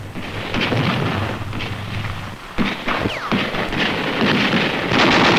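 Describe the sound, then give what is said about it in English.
A dense, continuous roar of gunfire and explosions from some 3,000 artillery pieces blasting the enemy, with several sharp blasts standing out around the middle, sounding like a steady artillery bombardment rumbling at constant loudness throughout. “Three 3,000 pieces of artillery blasted the enemy.”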